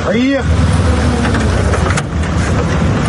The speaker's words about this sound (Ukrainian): Саме звідси нас забирає машина.